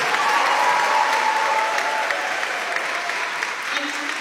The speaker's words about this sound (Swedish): Jubel och applåder